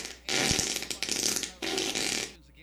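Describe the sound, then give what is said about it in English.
A long, loud fart sound effect, sputtering and raspy for about two seconds with a brief break midway, then trailing off into quiet. “who do you want to fart on?”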